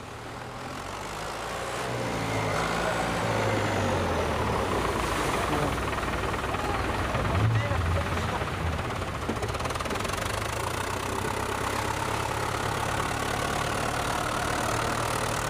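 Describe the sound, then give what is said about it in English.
The engines of a swarm of small fishing boats heading for the shore at the end of the day chug and knock together in a steady, continuous drone that swells in during the first couple of seconds and stays loud, with a broad wash of water and surf noise around them. “At the end of the day, a swarm of small boats heads for the shore in a perfectly harmonious movement.”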